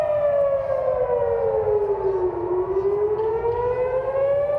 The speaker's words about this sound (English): Sirens blare in Jerusalem, warning of incoming Iranian missiles.